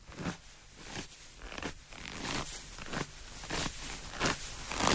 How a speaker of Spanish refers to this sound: Vamos con el siguiente, con este calor que hace, nos va a venir muy bien un poquito de nieve. A ver si adivinas las pisadas reales en la nieve y su foley.